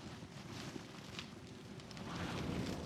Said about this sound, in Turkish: Ah, bayağı işe yaradı. Evet, içeride ateş olması çok güzel.